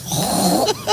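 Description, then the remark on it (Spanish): A woman on Basque regional television, ETV, imitates a pig with her voice while imitating animals, making a second of rough, nasal grunting and snorting that ends in two quick squeaky snorts. “Un cerdo.”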